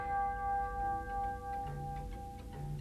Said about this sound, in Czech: Za chvíli je tu půlnoc. Novoroční zvon.